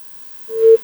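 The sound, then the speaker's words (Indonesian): A single short telephone busy tone after a regular phone call drops, a steady mid-pitched beep lasting about a third of a second, heard alone over faint background hum. “Ih, terputus ki. Jadi terputus ki telepon biasa, kita angkat dari telepon WhatsApp dulu.”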